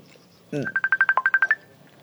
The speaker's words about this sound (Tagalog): Oh, may nagpanawag. Cellphone ko.